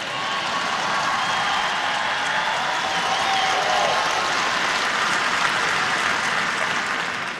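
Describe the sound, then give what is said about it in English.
A church audience claps steadily for several seconds: a dense, even wash of many hands at a constant, fairly loud level, with no distinct voices breaking through. “Obviously, we have control over ourselves, but there's not one thing wrong with clapping and lifting your hands and jumping up and down a little bit and acting like you might maybe be enjoying being in church.”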